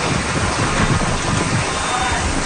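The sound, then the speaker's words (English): Heavy rain from Hurricane Isaias, a Category 2 hurricane, pours down steadily in Florida with strong wind gusting up to 185 km/h roaring through it, a dense, loud wash of noise that never lets up, with no voices. “Strong winds and rain ripped through Florida.”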